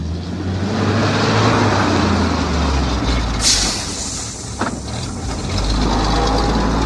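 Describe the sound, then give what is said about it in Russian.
A ZIL truck engine rumbles steadily throughout, a deep loud drone with a couple of brief hissing bursts midway, then the low growl swells again near the end, as the truck maneuvers through a narrow gate in warm, still air at sunset. No one speaks. “Долго выруливал в узкие ворота, сотрясая теплый застоявшийся воздух гулом зиловского мотора.”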